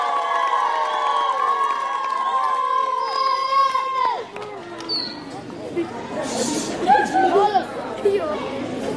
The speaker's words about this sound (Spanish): Acá lo recibimos pues con un fuerte y caluroso aplauso a nuestro candidato